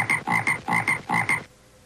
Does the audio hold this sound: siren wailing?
no